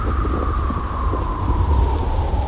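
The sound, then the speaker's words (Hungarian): A steady storm roars around midnight, bending old trees: dense rain-like hiss and deep rumbling wind, with a thin howling whistle that slowly sinks in pitch. No one speaks. “Éjfél tájban vihar támadt, hajlítgatta a vén fákat.”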